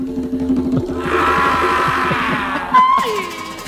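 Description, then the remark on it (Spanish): A loud, rumbling tiger roar swells and holds for a couple of seconds with no one talking, then gives way to a brief whistling tone near the end. “y por favor intenta que no te coma el tigre.”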